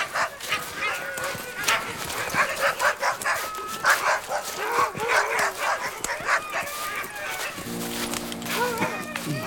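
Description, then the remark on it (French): Several dogs bark and yip in a steady, overlapping clamor as they approach, fairly loud, with the busy chorus continuing without pause throughout. “Elfriede entendit aboyer des chiens qui s'approchaient.”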